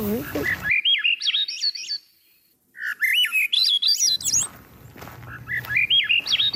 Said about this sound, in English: Now, the other one you were talking about, Grive à dos olives, Swainson's thrush, that is the marble that goes up. Right. Like this.